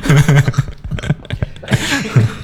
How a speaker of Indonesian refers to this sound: Tuh kan. Aku kalau ketawa masih ada batuknya. Oh tapi sekarang udah berkurang ya.